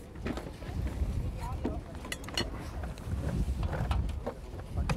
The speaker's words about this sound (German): Hey, das ist aber auch ein Wind hier, ne? Ekelhaft.